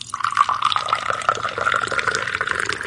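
Liquid pours steadily into a cup, a continuous bright trickle with a rising gurgle as it fills, close and clear with no talking.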